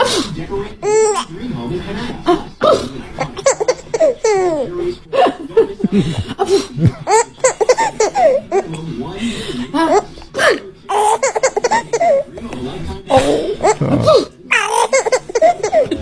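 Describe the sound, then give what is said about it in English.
A mother fakes a sneeze several times on a Saturday morning, and each one sets off her baby daughter's high, bubbly giggles and squeals, with adult chuckles mixed in and a little gurgle at the end. “It was my dear wife, and it was a fake sneeze of all things.”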